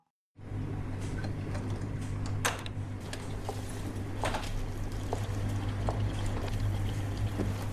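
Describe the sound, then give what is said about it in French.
A dishwasher, started at 10 in the morning, runs with a steady low motor hum under continuous swishing, splashing water, broken by scattered small clicks and clatters. No one speaks. “T'as lancé un lave-vaisselle à 10h du matin?”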